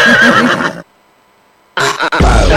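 A horse whinnies loudly, a wavering high-pitched neigh, then silence for about a second before a second, snorting burst of neighing ends with a low thud.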